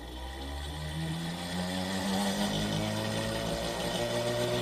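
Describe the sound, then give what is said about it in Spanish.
A Tesla coil runs, lighting a fluorescent tube brought toward it without wires or contact, with a steady, loud electrical buzz, a harsh droning hum with layered tones that holds constant and grows slightly stronger partway through, with no voices. “Vamos a escuchar ¿Cómo se oye esa bobina de Tesla?”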